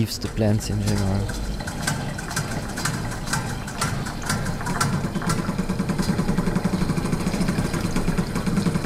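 Specially developed sound machines drum like a drum kit on five water-filled metal basins in Kosovar artist Erze Dinarama's installation Drumming for Love: a dense, steady patter of quick clanking strikes with a watery, sloshing edge, layered over a continuous mechanical hum, even in loudness.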